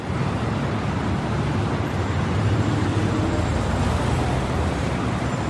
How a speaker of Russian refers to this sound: Давайте перенесемся на одну из шумных улиц большого города. По крышам барабанит дождь, люди, съежившись от холода и сырости, спешат укрыться в теплых квартирах.